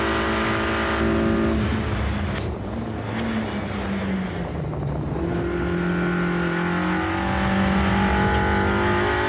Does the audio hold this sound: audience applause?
no